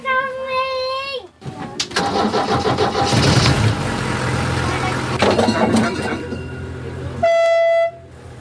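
A yellow-and-red rail bus (Schienenbus) with a snout at each end, able to reach at most 60 km/h, starts its diesel engine, bursting into a loud, rough roar that settles into a steady rumble, with a sustained horn tone before it and another brief horn blast near the end.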